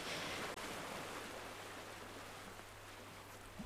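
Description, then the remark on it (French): A steady, soft wash of ocean surf rushing against the shore, heard as a continuous broad hiss without distinct individual crashes and with no voices. “Si c'est marée haute, j'aime le bruit des vagues.”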